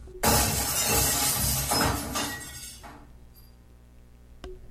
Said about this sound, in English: a sudden crash of glass behind us. Joseph has dropped our lemonade pitcher